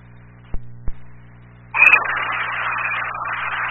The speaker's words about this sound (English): Dispatch, Cass 9, you're loud and clear. I believe I can hear the engine of the vehicle in the background overpowering.